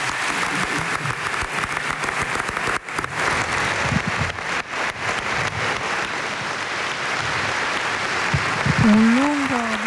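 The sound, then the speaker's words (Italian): Sustained applause from a large crowd for Italian President Sergio Mattarella at the ceremony for the 80th anniversary of the inaugural session of the Constituent Assembly, a dense steady clatter of clapping lasting the whole stretch, with a voice briefly audible near the end. “Stiamo sentendo un lungo applauso, quello al presidente della Repubblica Sergio Mattarella in occasione della cerimonia per gli 80 anni della seduta inaugurale dell'Assemblea Costituente.”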